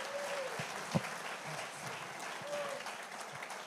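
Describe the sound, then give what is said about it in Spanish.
A crowd claps steadily in a dense, continuous wash of applause given to God for the lives of the pastors present, with a few brief higher tones and a sharp thump poking through the sustained noise. “Y démosle un fuerte aplauso a Dios por la vida de todos nuestros pastores que están hoy acá.”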